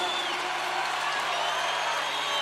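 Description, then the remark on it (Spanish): A crowd applauds and cheers for a band in a dense, steady wash of clapping and voices that holds at an even loudness throughout, with no single voice standing out. “aplauso grande para ….”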